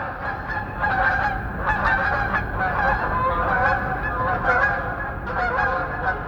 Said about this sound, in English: So in the springtime, I'll be doing the dishes and I'll hear a flock of snow geese go over at 5,000 feet because I've got a microphone out there bringing those voices in.